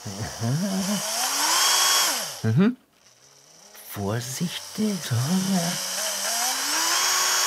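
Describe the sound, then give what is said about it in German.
A small power drill with an eight-millimetre bit whines in two long bursts as it drills finger holes into a cucumber, its pitch sliding up and down as it bites into the soft cucumber, with a brief quiet pause and a short spoken word between. “Jetzt brauche ich den Achterbohrer für die Grifflöcher”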